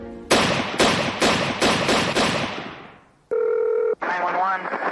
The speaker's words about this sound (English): Six gunshots fired in rapid succession shattered the early morning calm of Rockford, Illinois.